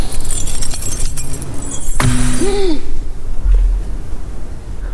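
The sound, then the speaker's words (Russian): A bunch of keys is thrown down by a woman, landing with a single sharp metallic clatter and a brief jingle that rings out over a steady low background hum. “Бросила ключи.”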